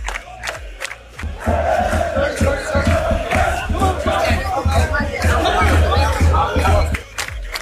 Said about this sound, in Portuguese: Loucura completa aqui nas ruas de Miami Beach. Um calor danado, um aglomerado de gente. É todo mundo curioso, tentando trabalhar, tentando ver a famosa remada.